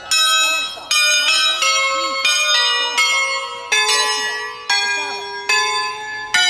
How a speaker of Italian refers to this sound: Queste campane sono diventate patrimonio dell'umanità e questo credo che sia un segnale importante che anche da Andorra vuole partire.